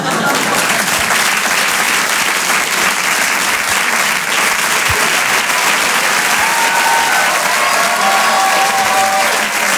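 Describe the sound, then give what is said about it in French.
Sustained audience applause at a Rire et Chanson comedy show, a dense steady wash of many hands clapping at full volume for the whole stretch, with a few faint whistles or cheers rising through it. “Bonsoir, bonsoir, applaudissements.”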